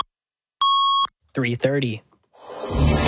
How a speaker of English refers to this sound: 680 News Time at the double beep.